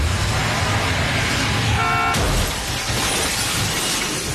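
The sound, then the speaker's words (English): Loud, roaring car-chase noise from a film chase scene, with a short horn blare, then a sudden smash of shattering glass midway, followed by steady rumbling traffic sound. “But the thing is that his character, too, he has to be a big driver because there's a chase, a car chasing scene.”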